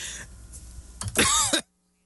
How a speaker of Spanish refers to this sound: Hasta me dio tos